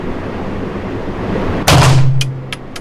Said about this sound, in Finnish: Ja siis toi hylsyn kilahdus. Joo, nyt tää alkaa haista. Toi ääni on tuttu mulle vaan leffoista. Ja sit samalta sitä tajuu, että miten tuttu se itse asiassa onkin.